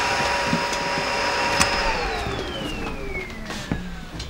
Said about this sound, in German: Staubsaugen kannst du später.